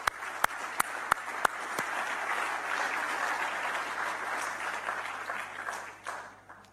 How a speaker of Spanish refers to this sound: Un aplauso para ellas.